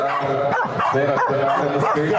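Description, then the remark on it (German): A corgi barks loudly and rapidly in a barking contest where the loudest corgi wins, a string of sharp yaps in quick succession that fill the whole moment with almost no pause between them. “Aber mein Lieblingswettbewerb ist ehrlich gesagt, dass Corgi um die Wette bellen, der lauteste Corgi gewinnt.”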